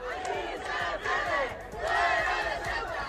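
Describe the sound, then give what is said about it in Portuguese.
A counter-protest crowd of Ceuta residents of Moroccan origin shouts "out" at Alvise Pérez and agitator Vito Quiles in loud, overlapping waves, many voices rising and falling together in a continuous roar with rhythmic chant-like swells. “A Alvise e o axitador Vito Quiles berraronlles fora e tamén os acusaron de sementar a xenreira e de dividir.”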